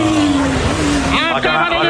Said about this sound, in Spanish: Ahí está, ojo que llega el autobús, va a llegar, 3, 2, 1, ¡copa!